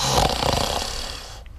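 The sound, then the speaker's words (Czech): A single loud, rasping, harsh snore, dragging on for over a second before trailing off into quiet. No one speaks. “Bimbalec chrápe jako dřevorubec.”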